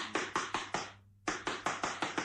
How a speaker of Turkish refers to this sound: Yoksa kapıyı vurayım bakayım.